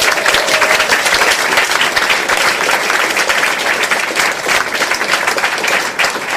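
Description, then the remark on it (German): Sustained, loud audience applause for a singer being introduced, a dense wash of many hands clapping at once with no pauses and no voices rising above it. “Applaus für Gesine Schäfer!”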